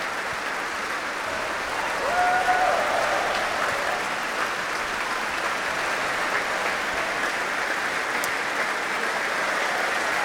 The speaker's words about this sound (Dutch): Want dit publiek wil graag laten weten dat ze hebben genoten. Groot applaus nu voor Alexei Ogrinchuk, de solo-hoboist. En ook voor klarinetist Carlos Ferreira.